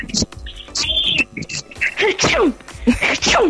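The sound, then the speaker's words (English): Someone imitates sneezing with their voice in a sound-imitation game, several exaggerated, breathy achoo bursts in quick succession, fairly loud, with vocal whoops rising and falling between them. “Your first word is sneezing.”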